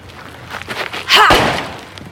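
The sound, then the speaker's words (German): A locked boathouse door is forced open: a few light shuffling bumps, then one loud crash with a heavy thud and a brief splintering rattle that fades quickly. No one speaks. “Die Tür ist zu. Lass mich mal. Bis jetzt habe ich noch jedes Schloss geknackt.”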